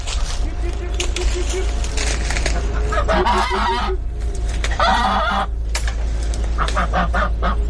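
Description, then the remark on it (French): Farmyard poultry calling on a farm: chickens cluck in repeated bursts while a rooster crows, over a steady low rumble of background noise. “Là, t'as des canards colvets, des canards de Barbarie, fermiers, des poulets de toutes sortes. Et des oies.”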